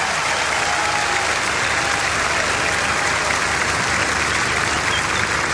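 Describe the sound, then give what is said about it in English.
A festival concert audience claps steadily and loudly for several seconds as a bass guitarist is introduced, a dense wash of hand claps that holds even throughout with no voices standing out. “Put your hands together, …, right here.”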